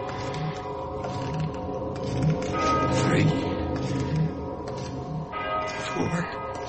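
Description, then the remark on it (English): A deep church bell tolls the hour, its evenly spaced strokes about a second apart, each ringing out with a long, humming resonance that hangs in the air, heard from some distance. “And then way off in the distance, I heard the deep-throated bombs of a church bell striking the hour.”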